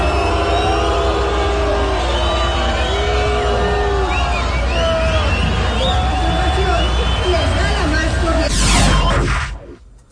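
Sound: crowd booing a politician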